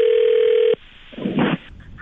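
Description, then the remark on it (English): A steady telephone dial tone hums loudly for under a second, cuts off, then a brief muffled clatter is followed by the start of a touch-tone dialing beep, as a prank phone call is placed to a skywriting company. “It's our phone prank. The phone”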